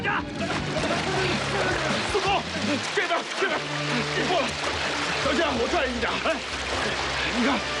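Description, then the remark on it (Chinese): Water and sand gush and slosh steadily out of a stuck tunnel shield machine, from two points about 1 meter above its cutter head, in a deep shaft, a loud continuous rush with splattering, while several people talk over it. “盾构机卡住了，大股的水和泥沙从盾构机上面的土底往外喷呢。”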